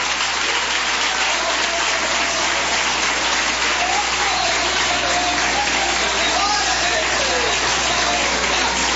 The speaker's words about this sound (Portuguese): Glória a Deus. Mais forte as palmas para Jesus. Mais forte. Mais forte, mais forte, mais forte, mais forte.